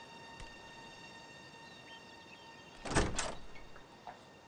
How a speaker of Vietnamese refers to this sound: Để con mở cửa cho mẹ.